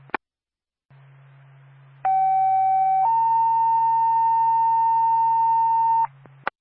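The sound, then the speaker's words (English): A two-tone radio paging alert from Twin State dispatch sounds loudly as the second tone for Twin Mountain Ambulance, for a call in Carroll: a steady pitched tone for about a second, then a slightly higher sustained tone for three seconds, over a low constant hum with clicks at start and end. “Twin State to Twin Mountain Ambulance, second tone.”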